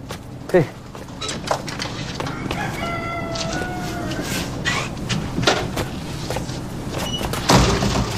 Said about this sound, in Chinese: 来了来了， 快开门，哎，别走。